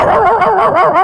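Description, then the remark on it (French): A voice imitates a dog barking: a quick run of four or five loud, yappy barks in close succession, each with a rising-then-falling pitch. “je fais des bruitages. Allez, il y en a quatre qui sont intéressés”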